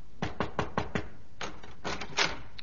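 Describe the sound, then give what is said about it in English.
Knocking on a dressing room door at night: a quick series of five even raps, a short pause, then a second burst of sharper knocks, with no voices. “one night I was in my dressing room, changing off the performance, when there came a knock at my door.”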